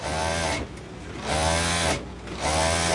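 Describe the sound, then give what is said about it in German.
A sewing machine, worked by a 68-year-old woman in her small alterations tailoring shop in a covered market, runs in three steady bursts with brief pauses between, a loud mechanical whir with a rapid buzzing rhythm and no one talking. “Konzentriert sitzt die 68-jährige Sandy Sheng über ihre Nähmaschine gebeugt”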